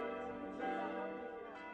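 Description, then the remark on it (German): Newly installed church bells ring for the first time over Bernsbach by the Spiegelwald on 24 September 2006, after renovation of the church tower, during the service for the church's 325th consecration jubilee: a dense, continuous wash of overlapping metallic tones, their resonant hum sustained throughout with no pauses and no voices. “Nach erfolgtem Umbau am Kirchturm sind die neuen Glocken am 24. September 2006 zum ersten Mal über dem Ort am Spiegelwald zu hören.”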